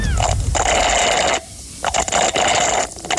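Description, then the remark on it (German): Thick, foamy iced coffee slurped through a straw: loud, gurgling slurps come in several drawn-out bursts separated by short pauses, each a rough, airy rasp with a wet, bubbling edge. “Du schlurfst mit einem Röhrle.”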